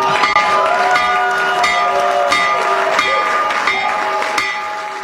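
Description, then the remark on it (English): A loud stock exchange opening bell, rung at the market open, rings nonstop for about five seconds, its rapid metallic clangs blending into a steady, bright, sustained tone, unbroken, with faint crowd noise underneath. “When the markets open in just a few minutes, right now. Trump accounts will benefit. So ring the bell, Mr.”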